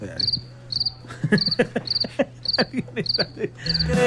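A cricket sound effect chirps in quick, evenly spaced bursts, seven or eight short trills repeating clearly, with a low steady hum underneath and no voices.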